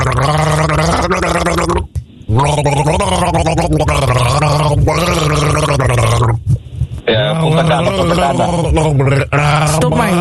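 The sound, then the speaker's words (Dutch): Someone gargles water while humming a melody, producing a bubbling, warbling tune in three long loud phrases separated by brief pauses, with no other sounds. “Zal ik hem nog even één keertje voor je gorgelen dan?”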